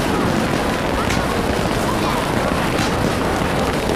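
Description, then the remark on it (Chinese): Fireworks explode at Lunar New Year in a dense, continuous barrage: loud overlapping booms and crackles with no pause, and a couple of sharper bursts standing out from the roar. “反正这个穷小子今年也陪我出来过年了，也陪我一起看烟花了。”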